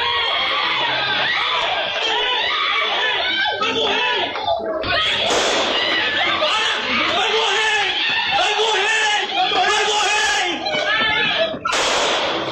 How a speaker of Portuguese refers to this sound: a gente consegue ouvir uma gritaria, sons de disparos e também um dos policiais gritando que Eduardo iria morrer